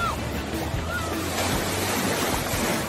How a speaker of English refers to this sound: Oh, here comes the big wave.